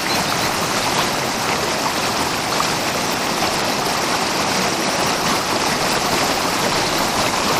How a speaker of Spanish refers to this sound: Un río precioso, que tiene ya un color turquesa desde este punto, que tiene gradas y pequeños saltos de agua que desde luego hipnotizan.